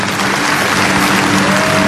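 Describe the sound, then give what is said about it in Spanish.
A crowd applauds loudly and steadily for about two seconds, a dense, continuous wash of clapping with a faint sustained tone humming underneath. “Dale un aplauso fuerte.”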